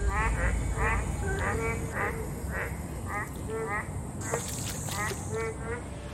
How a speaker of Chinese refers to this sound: 今天我们来到的是北京市顺义区双峰街道，而我们要面对的是一个叫湘粤四季小区里发生的一件大事儿。这件事儿是什么呢？叫青蛙大合唱。